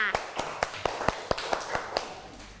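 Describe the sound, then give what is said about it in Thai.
A short burst of hand clapping by children in a class, applauding a classmate, about ten sharp, fairly evenly spaced claps over a couple of seconds, moderately loud, with faint background noise between them. “ปรบมือให้”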